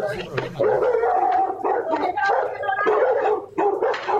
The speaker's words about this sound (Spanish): Y los perritos ahí tratando de ayudar.